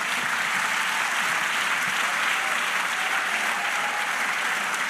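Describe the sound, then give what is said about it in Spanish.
A church audience claps together for the Lord in sustained, dense applause, a steady loud wash of many hands with no pauses and no voices standing out. “Dale aplauso al Señor.”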